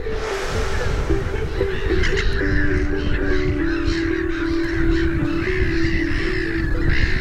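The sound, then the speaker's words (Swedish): A black-headed gull colony nesting on platforms of floating reed stems, in full cry: many harsh, squawking calls overlap without pause into a loud, continuous, chaotic din, with no voices. “När sover en skrattmås? I detta larmande kaos.”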